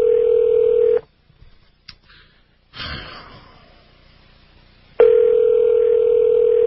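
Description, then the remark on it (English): A steady, loud telephone dial tone hums, then cuts out for a few clicks and a stretch of line hiss as a number for a radio listeners' hotline is dialed, before the same tone returns. No one speaks. “Calling the Art Bell listeners hotline, whatever that is, from the Rocky Mountain News.”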